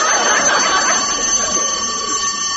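A fire bell rings loudly and continuously, a harsh metallic clangour with a steady high-pitched ring that never pauses, heard alone without any voices.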